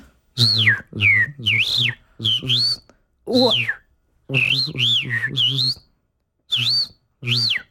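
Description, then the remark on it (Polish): A person mimics a starling's song with their voice: a quick series of about a dozen loud bursts of warbling whistles and chirps over a throaty, buzzy undertone, with short pauses between phrases. “Spróbuję ze szpakiem na początku, Dobra.”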